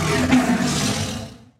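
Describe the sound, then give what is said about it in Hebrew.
A single deep, rumbling roar of a leopard, loud, sustained for over a second before fading away, with no voices. In a tale, the leopard lives during a drought on his own green plot of land with a flowing stream and sweet apple trees. “היחיד שהיה לו אוכל ומים היה נמר.”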